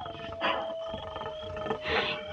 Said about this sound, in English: He don't like it none when he hears them coyotes.